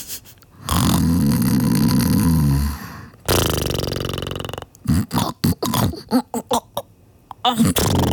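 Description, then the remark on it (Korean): Someone does a loud imitation of snoring as a performed acting bit: a long rattling snort, then a breathy rasping exhale, followed by a string of short choppy throaty bursts. “코골이 연기하는 거 너무 좋아요.”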